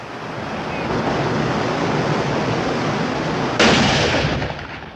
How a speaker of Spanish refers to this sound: Eso y esas malditas olas rompiendo todo el día.